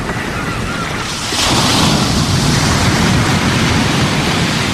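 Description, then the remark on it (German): A rushing waterfall pours over a cliff, roaring steadily, a dense wash of water noise that swells louder after about a second and then holds constant, with no voices. “Bernardo steuerte direkt auf einen Wasserfall zu und war kurz davor, von der Klippe zu fallen.”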